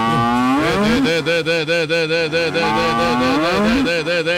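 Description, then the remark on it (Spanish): A long, loud cow moo carries on for several seconds, its pitch sliding and wavering with a pulsing tremble, without any talking over it. “Yo le digo, mejor dicho, esas vacas le provoco no meter debajo de la ubre.”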